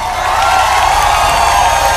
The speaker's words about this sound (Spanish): Un aplauso al maestro Sergio, una sola toma.